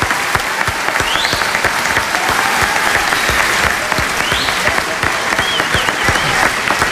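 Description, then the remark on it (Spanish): Sustained audience applause for a listener whose story was chosen by the machine, a dense, steady patter of many hands clapping, with a few faint whistles rising over it. “Un aplauso para Rafael.”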